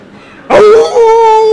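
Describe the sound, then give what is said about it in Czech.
A man imitates a jackal howl: after a moment of quiet, one loud, sustained tonal wail starts abruptly and holds steady to the end. “Soudruh zavil správně jako šakal.”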